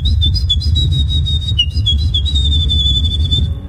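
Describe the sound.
A person whistles a high, rapid, warbling trill imitating a wren's song, the winning entry at the 3rd Polish Championships in bird imitation, running continuously for several seconds with quick flourishes, over a low rumbling background.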